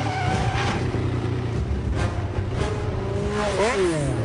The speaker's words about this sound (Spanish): Esta es una escena de persecución en donde destrozan un montón de coches y ya está.